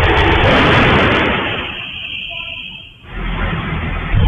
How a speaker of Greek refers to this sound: Ένα άλλο ντοκουμέντο καταγράφει τον ήχο από τις δύο εκρήξεις που προκλήθηκαν στην πιλωτή της πολυκατοικίας με διαφορά 6 λεπτών.